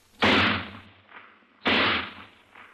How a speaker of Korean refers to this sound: 땅땅 하고 송소리 두 방이 안에서 울려나왔다.